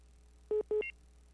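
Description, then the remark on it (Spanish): Two short, loud electronic phone-line tones in quick succession as a listener's call to the radio programme El Despertador Infantil drops, followed by a brief higher chirp, over a faint steady hum with no talking. “Se cortó la comunicación, qué lástima.”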